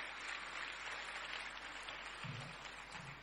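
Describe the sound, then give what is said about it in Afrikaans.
Steady, dense audience applause welcoming the children of the Dassie Voorskoolse Sentrum preschool as they come on to perform their item, filling the whole clip at an even level, a continuous crackle of many hands clapping with a faint low voice briefly showing underneath near the end. “Geef hulle lekker applous as die manne kom.”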